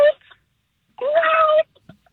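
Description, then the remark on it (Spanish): Over the phone, a person imitates a cat with a short vocal yelp, then a longer drawn-out meow that holds steady for about half a second, loud, followed by faint clicks. “Puedo hacer el sonido de animales. Okay. Ajá, ¿qué animal haces? A ver, vamos a escuchar. Un gato. Okay, ¿cómo suena tu gato?”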